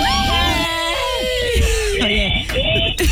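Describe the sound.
A loud, shrill human scream fills about three seconds, its pitch wavering and sliding, with other voices seeming to overlap and shout along in a lively, noisy room.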